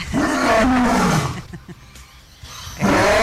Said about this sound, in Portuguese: É assim que é o rugido do leão?